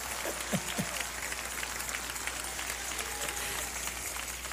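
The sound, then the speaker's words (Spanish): Steady audience applause after a preacher quotes "I love those who love me, and those who seek me early find me": a dense crackle of many hands clapping at an even level throughout, with a couple of brief vocal sounds or whoops rising near the start. “Ay, la primera vez que me aplauden cuando digo eso.”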